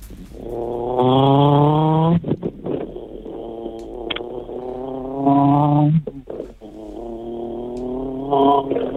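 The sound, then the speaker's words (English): A person vocally imitates a revving car engine with their mouth, not a real car, producing two long, loud rising-and-falling engine drones with sputtering breaks between them, ending in a shorter rev. “you need to give us your best car sound. It can either be a car revving, it can be a burnout, it can be a race, it can be whatever you want.”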